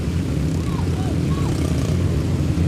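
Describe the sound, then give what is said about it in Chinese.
Five motorcycle engines roar together while ridden in the middle of a steel cage, the closest two less than a meter apart, in a loud, continuous drone, their overlapping buzz holding steady throughout with no pauses. “但现在我们看到五辆车，他们是在笼子的中间，太漂亮了，哇，太惊险了！”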